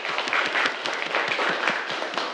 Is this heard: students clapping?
yes